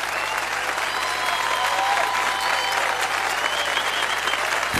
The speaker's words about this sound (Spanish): Un aplauso bien fuerte a Jesús. Está con nosotros en esta noche. Aplaudile bien fuerte.